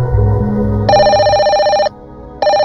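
A telephone ringback tone sounds from the caller's end as a call is placed from inside an old car trapped in a flash flood, two repeating electronic rings with a pause between, heard clearly over a low background rumble.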